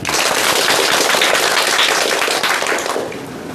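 A crowd applauds to welcome a professor giving a demonstration recitation, with dense, steady clapping that holds strong for about three seconds, then tapers off slightly near the end. No one speaks.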